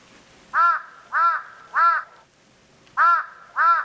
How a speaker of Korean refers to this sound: 까마귀가 지척에서 울었다.